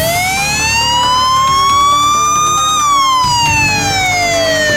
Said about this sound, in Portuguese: Às vezes eu começo a falar aqui e esqueço de tirar essa sirene chata.